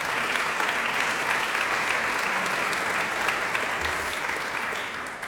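A crowd applauds steadily, a dense wash of clapping that stays loud throughout and eases off slightly near the end, with no talking.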